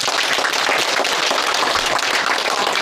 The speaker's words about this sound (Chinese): 我们掌声欢迎。